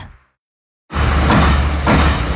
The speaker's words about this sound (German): Jeder Klack, ein fertiges Blechteil. So klingt effiziente Serienfertigung. Ob Stahl, Edelstahl oder Kunststoff. Stanzen, biegen, umformen.